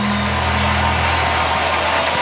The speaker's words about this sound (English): Crowd rising to their feet here on the south side of Chicago.